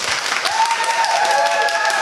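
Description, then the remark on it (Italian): A live audience at the Night Express show breaks into real applause, a dense, steady wash of many hands clapping at once, with a thin high whistling tone running through it for most of the stretch. “Adesso applaudite davvero.”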